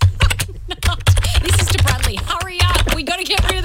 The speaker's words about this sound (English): Oh, are you typing out an email to him now?